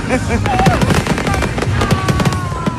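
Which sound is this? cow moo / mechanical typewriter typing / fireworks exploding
fireworks exploding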